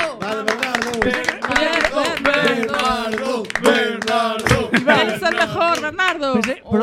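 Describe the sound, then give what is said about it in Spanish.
Lively hand clapping, quick and uneven, for the second substitute winner of a contest, mixed with loud excited voices shouting and cheering over it, energetic throughout. “E ao final damos o segundo suplente, por favor, forte aplauso si nos estás escuitando.”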